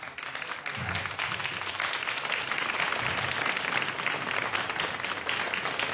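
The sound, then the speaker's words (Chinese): A Cantonese music concert audience claps for the composer Lu Lianghui (卢亮辉) in sustained applause, a dense patter of many hands that swells after the first second and holds at an even, fairly loud level without voices. “所以我觉得广东音乐可以再发挥更好的 啊，一定 这样好， 给你掌声， 谢谢啊， 谢谢，卢亮辉大师一下。”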